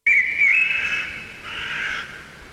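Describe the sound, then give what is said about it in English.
Forest ambience with a steady, shrill whistling chorus, like birds or insects calling together, sustained and fairly loud throughout with a slight dip midway and no voices. “Third one is a little bit different. It doesn't have that background. It's forest sounds.”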